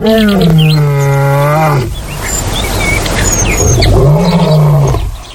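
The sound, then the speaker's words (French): A lion roars twice, deep and loud, each a long sustained bellow, with a brief gap between them; faint bird chirps flicker in the background. “Une horde de lions est dominée par un lion mâle, de plusieurs lionnes et de lionceaux.”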